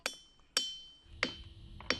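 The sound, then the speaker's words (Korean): Ringing rocks in a seven-acre boulder field at Ringing Rocks Park, Bucks County, Pennsylvania, struck four times at uneven intervals, each hit giving a sharp clink followed by a bright, bell-like tone that rings briefly and fades. No one speaks. “7에이커에 이르는 돌밭의 바위는 독특한 성질을 지니고 있죠. 두드리면 울려요.”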